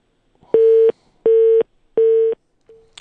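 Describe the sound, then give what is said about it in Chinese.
A telephone busy signal after a dropped call on a phone line with a connection problem: three steady, evenly spaced beeps of equal length, loud, with the start of a fourth cut off at the end. No one speaks. “好的，我们这个电话好像出现了这个线路的问题啊，等我们的这个导播帮我们这个连线啊”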